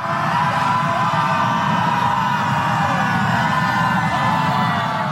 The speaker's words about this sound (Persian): سپس جمعیت در حالی که نسیمی از سوی اقیانوس میوزید و آفتاب میتابید، کمی گلوی خود را هم برای آماده شدن گرم کردند و بعد همگی شروع کردند با هم به فریاد کشیدن.